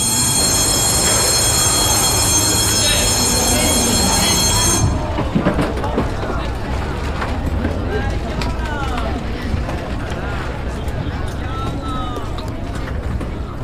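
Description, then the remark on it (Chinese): A train runs steadily along the rails with a continuous loud rumble and clatter, with occasional faint wheel squeals and indistinct voices underneath. “你们呀坐火车去啊。”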